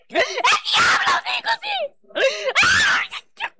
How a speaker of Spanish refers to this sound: Oye, Satanás, ¿qué te está pasando? ¿Por qué gritas? ¿Por qué gritas?